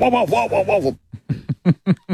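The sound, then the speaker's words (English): A man vocally imitates his own dog as it sounded during an interview: a wavering, whining howl for about a second, then a quick series of short, sharp yapping bursts. “And here is him imitating the sound of his own dog during the interview.”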